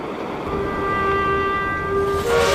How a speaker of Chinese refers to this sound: 乌鲁木齐发往库尔勒的成8074城际列车，成为第一辆从平面连通驶入立体互联的列车。